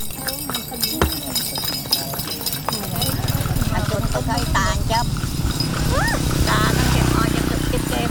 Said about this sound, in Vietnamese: Mỗi bước chân ngựa in trên con đường như ghi lại dấu ấn của một thời và cả ký ức ấm áp của một vùng đất giàu bản sắc.